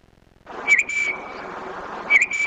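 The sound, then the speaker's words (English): A tufted titmouse sings two short, clear whistled phrases about a second and a half apart, each a quick high slurred note, over a steady hiss of background noise. “A little gray songbird with big eyes and a tuft on its head, the tufted titmouse can be seen at your backyard bird feeder all year long.”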